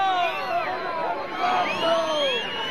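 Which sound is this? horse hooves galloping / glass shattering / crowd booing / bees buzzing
crowd booing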